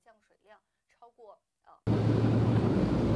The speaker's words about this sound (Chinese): 好，我们现在继续沿着八一东路往前行驶。那目前我们的直播镜头也能看到，我们车辆行驶的时候轮胎溅出来的水花还是很高的。